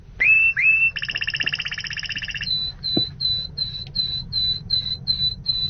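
A songbird phrase, the middle sequence of a longer song: two quick rising introductory notes, then a fast buzzy rattle, then a string of about ten clear, evenly spaced whistled notes, over a low background rumble.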